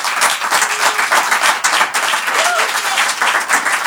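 Steady applause from a group clapping for the listeners, many hands in a dense, continuous patter that stays loud throughout, with a few faint voices mixed in underneath.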